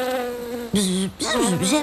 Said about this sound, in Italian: Ah, ecco, Flora sta parlando con le api. Flora, potresti tradurre dal ronzese per tutti noi?